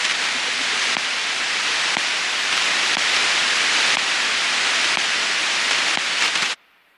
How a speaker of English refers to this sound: To everyone and everything other than the computers receiving the instructions, data sounds like nothing. Maybe some static, just blips between computers.